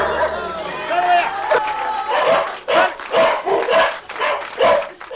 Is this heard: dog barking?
yes